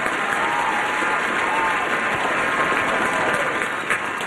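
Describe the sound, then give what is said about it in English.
A studio audience breaks into steady, sustained applause for the announcement welcoming Norman Seabrook home to New York, a dense wash of clapping hands that stays loud and even throughout with no talking over it. “Where's the applause for that?”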